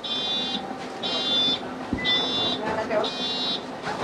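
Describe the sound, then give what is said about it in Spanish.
A bus wheelchair ramp deploys at a stop in Valencia so a passenger can get off the bus, while its warning buzzer sounds four steady, high-pitched beeps about once per second, over engine rumble and faint background voices. “después de activarse la rampa que habíamos comentado, puede bajar del autobús”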